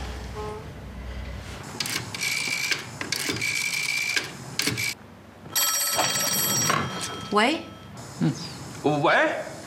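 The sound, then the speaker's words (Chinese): A telephone rings in several loud, bright bursts with short gaps between them, and voices speak over and between the rings. “你先接，接完了你再给我，免得让他知道我在等他电话。”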